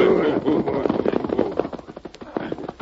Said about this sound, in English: But even as the Lone Ranger spoke, Wolf Corby and one of his lieutenants, a man known as Squint, were reining in their horses before the sheriff's office.